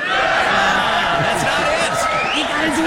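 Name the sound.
audience clapping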